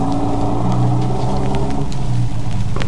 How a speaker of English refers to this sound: The truck pulled away.